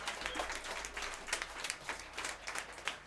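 A small round of applause for a performer after a gig: a few hands clapping in quick, overlapping bursts, fairly soft and steady for about three seconds, with no voices over it.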